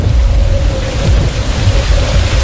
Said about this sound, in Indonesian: Langit semakin gelap, angin semakin bertiup kencang. Hujan pun turun.